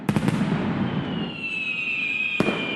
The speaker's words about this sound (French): Des feux d'artifice, Florent, de toutes les couleurs.